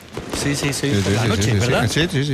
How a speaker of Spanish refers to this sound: dice, pero, o sea, hoy es la batucada, y es verdad, se oyen los fuegos artificiales todavía y la batucada.